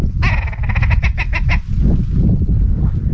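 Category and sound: bird, red grouse calling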